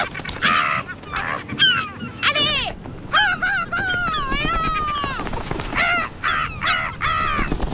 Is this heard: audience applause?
no